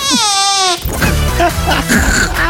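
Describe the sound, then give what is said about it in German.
A woman's voice imitates a tiny baby fart from a written fart description: a short, high, squeaky, wavering toot lasting under a second, loud, followed right away by people talking. “Da steht eine Furzbeschreibung drauf und dann macht sie die. Das sind genau die Dinge, die dich da erlegen, wie Rotwild. Babypups.”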